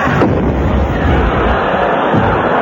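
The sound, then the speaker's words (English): A cannon fires a shell sold as a lot at an auction, with a sharp blast, followed by a loud, sustained roaring rumble that fills the whole moment, with faint crowd-like noise mixed in. “And now we come to lot three, one cannon shell.”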